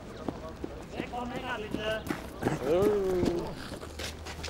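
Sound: mongolian horses' hooves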